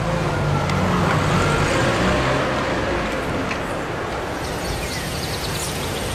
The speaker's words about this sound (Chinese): 几个人说着便上了车，汽车很快便开走了。